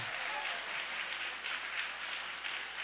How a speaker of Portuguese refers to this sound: Então aplaude, exalte ao nome de Jesus com alegria. Aleluia.